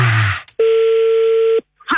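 A steady electronic telephone tone holds for about a second as a call is placed again, loud and clean, right after a short burst of rustling noise, then cuts off abruptly.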